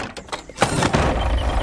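A sliding door opens with a sharp mechanical clunk, then a steady whooshing, rumbling slide that carries on at a fairly loud level with no voices.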